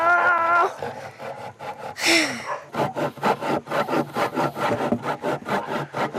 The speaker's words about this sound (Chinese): 我从来都没有用过锯子，根本不会用。 可以吗？来。 这个好难锯啊！